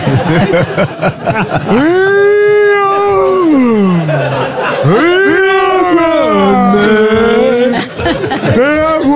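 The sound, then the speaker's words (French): A dog howls in long, wavering drawn-out cries, three of them in a row, each rising and then sliding down in pitch, loud, with some brief vocal noise before the first. “Ah, j'ai mis de chien.”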